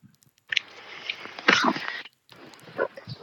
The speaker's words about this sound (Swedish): så kliver jag ner på våran badstege. Ja, så det vi hör nu det är Sibyl som hoppar ner i vattnet